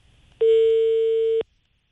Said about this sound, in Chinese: 好，我们试一下这个电话啊。 看一下， 有没有人接？ 这是驻马店。